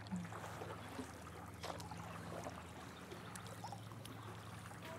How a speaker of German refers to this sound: Wir paddeln jetzt einfach mal hier in den Sonnenuntergang von Unterbach.